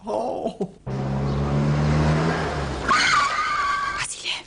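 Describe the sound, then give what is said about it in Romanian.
A car engine drones low and steady, then a high tire squeal rises as the vehicle pulls away, loud, with no one talking. “Oh, oleo, ieși cu mașina, păi cum se urcă la volan așa?”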